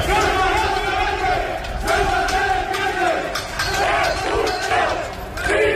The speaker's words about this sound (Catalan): Conflicte que va esclatar després d'aquesta concentració amb aquests crits que sentim